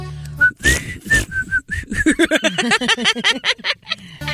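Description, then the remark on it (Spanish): A person whistles a quick run of short, steady high notes, with some background noise, and then voices start talking rapidly as the whistling fades. “Yo sé si por qué sabes chiflar así.”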